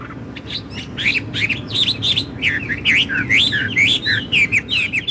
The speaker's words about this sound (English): Well, it's actually a blackbird.